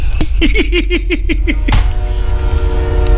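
A train sound effect: a quick run of about eight rhythmic rising-and-falling tones, then a burst and a loud, steady horn blast that holds to the end.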